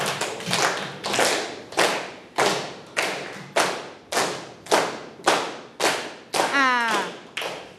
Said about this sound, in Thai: อย่างแรกเลยที่เด็กปรบมือเนี่ยก็คือไม่เป็นจังหวะใช่ไหมคะเราปรบมือแบบนี้ก็คือไม่เป็นจังหวะ